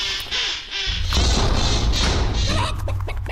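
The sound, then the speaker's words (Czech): A hen clucks and squawks in a few short, repeated bursts, loud, over heavy low thumping and scuffling noise. “Ještě tu slepici.”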